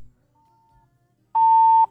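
A caller's telephone line from Sako village beeps during a phone-in call: a faint, thin tone first, then one loud, steady mid-pitched beep lasting about half a second, with no voices around it.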